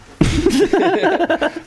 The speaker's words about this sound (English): I got the tickle coughs.